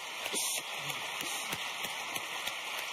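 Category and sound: crowd, audience applause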